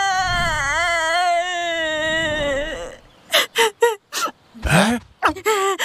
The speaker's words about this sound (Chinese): 熊二，你听，啥声音啊？ 好像是谁在哭。